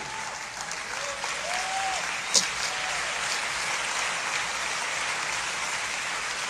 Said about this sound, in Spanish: Dale un aplauso al Señor por eso. Fuerte este aplauso al Rey.